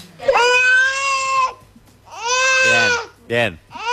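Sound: baby crying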